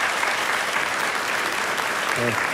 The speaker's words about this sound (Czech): A děkuji ještě jednou za ten bouřivý potlesk. Děkuji.